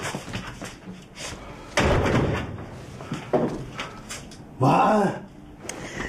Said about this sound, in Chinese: 你不可以再敲门了，爸，你这样我心脏病要犯了，死了就没有办法了啊。